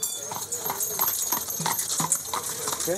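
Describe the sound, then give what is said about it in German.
Horse hooves clip-clop on a paved street in a steady, even rhythm of sharp knocks, with people talking in the background. “Oh, ein Pferd.”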